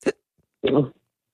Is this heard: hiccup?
yes